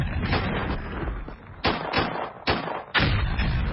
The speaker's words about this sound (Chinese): 说话间，从南边传来了隆隆的炮声。傅秋涛握着于林章的手高兴地说： 你听着炮声，黄伯韬兵团已经被咱们给包围起来了。